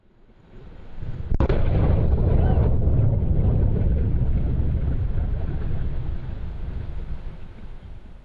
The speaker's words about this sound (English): Blue Origin, the space company founded by former Amazon CEO Jeff Bezos, says it's investigating why its rocket exploded on a launch pad in Florida during a routine engine test. Take a look.